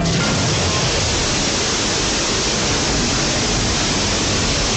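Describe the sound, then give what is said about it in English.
A loud, steady roar of rushing water gushes without pause from a burst water main under high pressure that had been patched with three layers of duct tape. The dense hiss stays constant for several seconds, with no voices. “Hey, this water main is under a ton of pressure. Did you ever fix it? Yeah, 3 layers of duct tape.”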